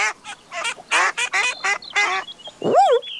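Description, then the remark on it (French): A series of nasal duck quacks from ducks on a large pond, in quick, uneven bursts, fairly loud, ending with a higher rising-falling call. “Oh. Tiens, des canards.”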